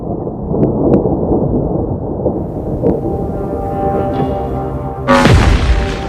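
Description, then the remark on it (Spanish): Deep, rolling thunder rumbles steadily through an approaching storm at a remote radio telescope site in summer 2018, then a sharper, louder crack bursts in near the end and booms on. No voices. “Cuando se acercaba una tormenta, LOFAR registró un hito internacional.”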